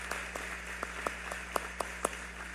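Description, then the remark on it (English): Sparse, irregular handclaps from an audience applauding graduates at a graduation, about a dozen sharp claps at uneven intervals, fairly quiet, over a steady low hum with no voices. “And let's give a round of applause once more to all these graduates.”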